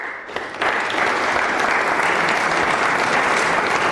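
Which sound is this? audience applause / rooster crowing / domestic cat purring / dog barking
audience applause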